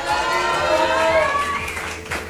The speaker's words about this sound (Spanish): Y por supuesto también el obsequio para nuestro segundo lugar. Oigan, fuerte el aplauso.